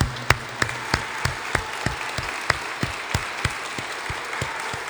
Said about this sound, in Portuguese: Uma salva de palmas a Nossa Senhora, que ela merece.